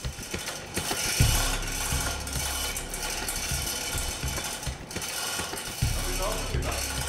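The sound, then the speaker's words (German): A mechanical hoist grinds and clicks steadily as it lowers a giant 315-kilogram glass pane into an aquarium, with ratcheting ticks, low rumbling thumps and a continuous whirring hum throughout. “Die Riesenscheibe wird ins Aquarium gehoben.”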